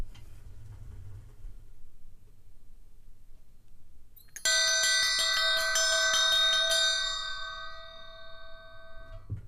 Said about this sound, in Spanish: Hemos escuchado tres campanas y ahora voy a hacer sonar una.